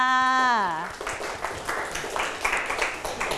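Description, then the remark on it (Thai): A voice trails off with a falling tone, then a classroom group of students breaks into brisk, scattered applause for a classmate's answer that carries on steadily for a couple of seconds at moderate volume. “โอ้โหเยี่ยมมากๆครับปรบมือให้กับเพื่อนค่ะ”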